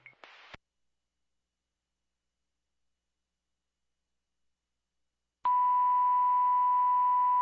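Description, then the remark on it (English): A Lake George Fire dispatch alert tone for a fire alarm activation on the third floor of the Surfside Motel, 400 Canada Street: a brief burst of noisy chirps, a long pause of silence, then one loud, steady, unbroken tone that holds on one mid pitch until the end. No voices. “Fire toll for Lake George Fire, 400 Canada Street, the Surfside Motel.”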